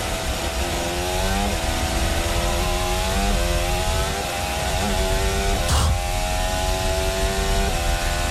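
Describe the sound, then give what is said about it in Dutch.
A Formula 1 car screams at full throttle over the start-finish line during qualifying, its high-pitched engine note climbing and dropping through several quick gear shifts, loud throughout, with a brief sharp burst near the end. “Kijk, hij gaat dus wel vol gas over start-finish, hè?”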